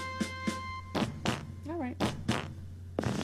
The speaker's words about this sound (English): We call that a scout fart. It's a fart. Nothing stealth about it. It's a fart. It's a fart that comes out to make sure that there's water below instead of, you know, underpants.